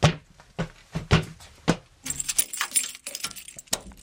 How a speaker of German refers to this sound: Und da vorne ist nochmal eine große Tür, eine schwere, die müssen wir noch aufschließen, ne? Ja, aber zum Glück habe ich ja den Schlüssel.